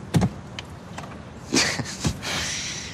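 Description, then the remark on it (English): A convertible car's engine sputters and stalls in first gear in a parking lot as the car jerks to a stop, a few jerky thumps and clunks spaced over a couple of seconds, ending in a softer mechanical hiss. Moderately loud, with no voices. “The convertible jerks to a stop. Stall.”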